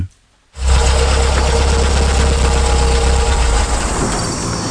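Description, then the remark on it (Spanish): After a brief moment of silence, a car engine starts idling with people riding in the car, a steady low rumble with a rough mechanical texture that continues evenly to the end. “Me gustaría que, mientras estamos montados en este coche, lo primero me describas esta foto.”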